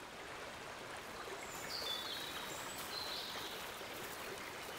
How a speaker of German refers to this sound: Die Oker frisst sich seit Jahrtausenden durch das Gestein und verwandelt sich zum Wildwasser.